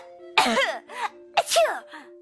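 Two loud coughs about a second apart, made without covering the mouth as a demonstration of how germs spread. Each is a sharp, harsh burst trailing into a raspy exhale, over a faint steady background hum.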